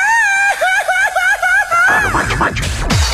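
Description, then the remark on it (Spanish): A loud Mexican grito in the style of southeastern Mexico: a high, warbling trilled cry held for about two seconds, then breaking into rougher, choppy yelps and a falling whoop. “¡Cómo se grita allá en el sureste!”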